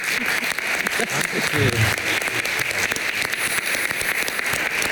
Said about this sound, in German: Also das verdient einen tosenden Applaus.